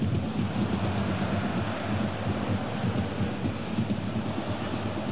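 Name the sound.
train passing on railway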